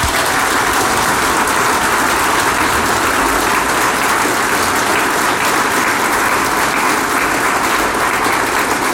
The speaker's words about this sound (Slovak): a ja si myslím, že si zaslúžia ešte jeden veľký potlesk.